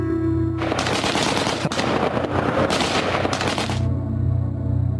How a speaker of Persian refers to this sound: جالب اینجاست که امروز هم صدای گلوله در بدخشان خاموش نشده. چرا؟